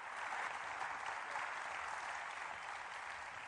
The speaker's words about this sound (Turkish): davul zurnalar birden kesildi ve bir alkış koptu. Yarım dünya Hasan Pehlivan'a hasmı Fettah Pehlivan pes etmişti.